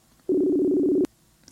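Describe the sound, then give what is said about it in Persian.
A single loud burst of a telephone ringback tone as a call is placed to Helmand Arbabi for a conversation, a steady buzzing electronic hum lasting under a second, cut off abruptly by a click, followed by quiet line noise. “تلفنشون زنگ میخوره.”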